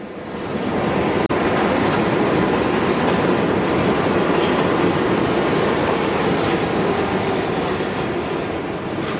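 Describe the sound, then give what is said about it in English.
A subway train rumbles steadily along the tracks on a long trip out to Richmond Hill, a loud continuous roar with rattling and clatter, immersive, with a brief click near the start and no voices. “We're on the subway and it's a long trip”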